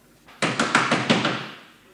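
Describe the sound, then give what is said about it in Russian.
A door bursts open with a sudden loud thump as a female doorkeeper enters, followed by a quick run of rattling knocks that fade out over about a second and a half. “Дверь распахивается, входит привратница.”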